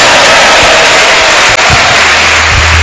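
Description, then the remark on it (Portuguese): A church audience at a prayer service claps together to glorify God in a loud, dense, steady burst of applause that fills the whole clip, with a few low thumps underneath and no talking. “A igreja bate palmas e glorifica a Deus.”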